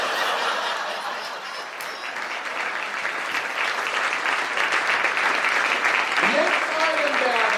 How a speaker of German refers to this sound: Aber, ja, bevor Sie klatschen, hören Sie auf zu klatschen.